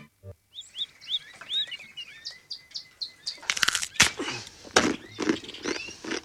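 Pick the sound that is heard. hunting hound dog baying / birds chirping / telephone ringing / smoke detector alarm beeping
birds chirping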